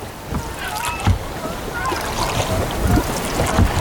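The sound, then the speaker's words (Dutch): Northern gannets screech in harsh, overlapping calls over a steady wash of wind and water, with brief knocks and murmuring voices mixed into the noisy scene. “En dat gekrijs wat we nu horen, dat is ook van de Janavis?”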